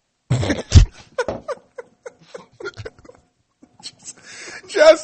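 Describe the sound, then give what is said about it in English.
A loud burp after drinking a ginger drink erupts near the start, then people talk and chuckle quietly, ending with a breathy, noisy exhale. “And it's uncontrollable burping with ginger drinks.”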